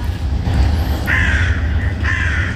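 Two harsh crow caws ring out over a steady low rumble of outdoor background noise, each call drawn out, with a short pause between them.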